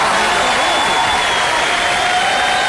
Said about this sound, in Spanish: Un aplauso. Comentando. ¿Para quién? Para mí. Ay, dile aplaudir.